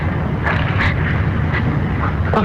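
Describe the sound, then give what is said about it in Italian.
A deep, continuous rumble of thunder rolls steadily throughout, loud and low-pitched, with a few brief brighter crackles rising above it. No voices can be heard. “Un temporale.”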